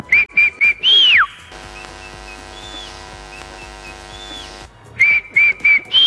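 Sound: human whistling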